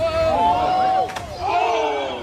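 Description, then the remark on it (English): A single sharp smack of a 17-year-old's butt hitting the rocks after jumping off Sunset Cliffs in San Diego cuts in midway, briefly breaking up a group of people yelling and exclaiming loudly, whose shouts resume right after the impact. “That was his butt smacking the rocks.”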